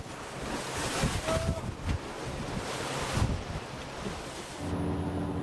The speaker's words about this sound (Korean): 강한 바람에 배가 흔들리고 세찬 파도가 물보라를 일으키며 쉼없이 쏟아지는데요.